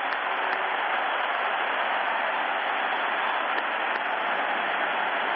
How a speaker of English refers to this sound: The crowd is up. As you would expect, a standing ovation. His teammates are there to greet him. A three-run blast by Henry Aaron has tied the great Babe Ruth.